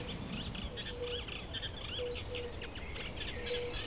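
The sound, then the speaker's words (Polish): Soft, mellow hooting notes of a fire-bellied toad repeat every second or so in the distance, faint beneath a busy chorus of chirping birds and steady outdoor background noise. “No tak, z oddali ten kumak do nas mówi.”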